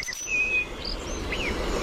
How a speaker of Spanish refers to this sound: Petirrojo europeo.